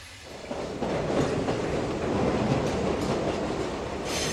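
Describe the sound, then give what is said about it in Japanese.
A train bound for Battambang rolls along steadily, its wheels beating out a continuous clickety-clack over a broad rumbling roar that swells slightly after the first half second and holds fairly loud throughout. “この列車は僕たちをジャングルに降ろすって。”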